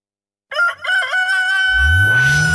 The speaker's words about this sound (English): Kokoroko, don't crow. Time not reach or make you wake up now.